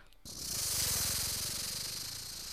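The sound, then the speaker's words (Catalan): A person imitates a snake with a long, steady hiss, bright and breathy, with a low buzzing rattle underneath, starting abruptly and holding for over two seconds. “Anem una serp?”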